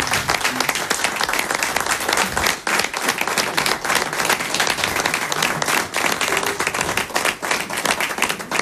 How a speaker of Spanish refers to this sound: y yo pues nada más, sino me voy a poner de pie a aplaudir.